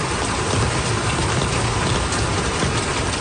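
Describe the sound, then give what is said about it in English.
Heavy monsoon rain, falling for a week in Bangladesh, pours down in a dense, steady roar, loud, with no pauses or voices throughout. “The disasters were triggered by a week of unrelenting monsoon rain.”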